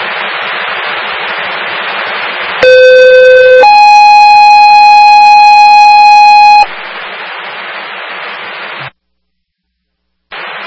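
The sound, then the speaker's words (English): A loud Franklin Fire dispatch alert tone cuts through radio static for a medical call: a short lower pitch followed by a longer, steady higher pitch, before the hiss returns and briefly drops to silence. Ambulances and an engine respond to a two-car crash with two reported injuries at Main Street and Emmons Street. “Franklin Fire, medical shift alarm, ambulance 2, responding with ambulance 1 and engine 1 to Main Street at Emmons Street, 2 car MVA, 2 reported injuries, that's Franklin Fire.”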